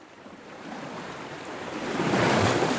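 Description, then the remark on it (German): Sea waves wash onto the shore with a broad, hissing roar that swells louder toward the end as a wave breaks. Some wind noise mixes in, and no one speaks. “Es gibt ja Leute, die können, wenn sie am Meer sitzen, so ihre Gedanken baumeln lassen.”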